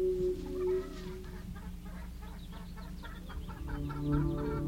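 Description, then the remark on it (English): Hens cluck in a hen house in a steady, busy chorus, with a quick run of short clucks picking up partway through over a low, continuous background hum. “A hen house. Birds.”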